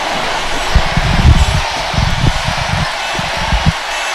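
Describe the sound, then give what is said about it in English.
A crowd at an event roars in a steady, loud wash of noise after the MC asks them to make more noise, with low thumping bursts running through it. No single voice stands out from the mass. “Can ye make more noise?”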